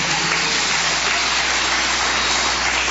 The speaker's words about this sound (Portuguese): Quem é do Senhor? As palmas para Jesus.